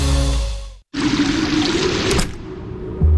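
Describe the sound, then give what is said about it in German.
Warm water pours in a steady, fairly loud rush for a few seconds in an 85-degree sauna, following a brief low droning tone that cuts off abruptly. The flow eases slightly near the end. “Drinnen 85 Grad, warmes Wasser und pure Entspannung.”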